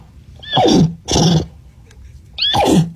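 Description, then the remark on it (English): A person imitates a horse's neigh in three loud bursts, each a rough, breathy whinny sliding downward in pitch, separated by short pauses. No ordinary talking. “Can you teach us some neigh?”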